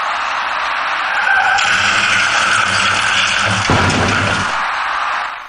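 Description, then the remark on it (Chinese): Around 2 p.m. on the Second Ring Road service road south of Dongsishitiao Bridge, a southbound silver car loses control and skids loudly with a harsh, sustained hiss of tires and engine, and a sudden crunching impact about two-thirds through as its left tires ride up onto a row of flower planters between the main and service roads. No one speaks. “事故发生之前，驾驶那辆银色小客的司机未能有效控制行驶方向，造成银色小客的左侧轮胎竟然骑上了主辅路之间的一排花箱，而后一路向南甩了出去。”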